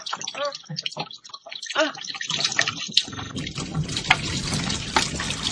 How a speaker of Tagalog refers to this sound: Napuno ng balde.